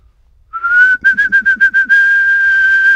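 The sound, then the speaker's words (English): A person whistles to call their cat, a steady, high tone broken into a quick series of about six short pulses before settling into one long held note. Loud, with no talking. “So I normally go out, it's 10 p.m. at night, and I whistle when he responds.”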